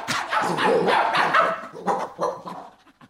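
Two dogs, a huge one and a bow-legged, snub-nosed one, bark excitedly as they are chased off and flee down a staircase: loud overlapping yaps and woofs in a rapid flurry that tapers off into a few scattered barks at the end.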